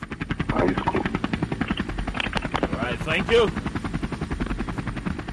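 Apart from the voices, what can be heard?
helicopter rotor sound effect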